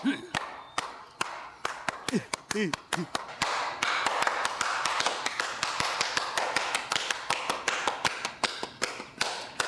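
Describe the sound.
Hands pat and tap, clapping for a sister, in a quick, steady rhythm throughout, dozens of sharp strikes, with a brief voiced sound near the start and a slightly denser run later.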